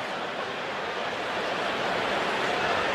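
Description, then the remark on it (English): A dense, steady wash of baseball stadium crowd noise hums throughout, a continuous murmuring roar at even loudness with no single voice standing out, as the crowd buzzes after Seiya Suzuki's home run. “Crowd's buzzing about that home run, aren't they?”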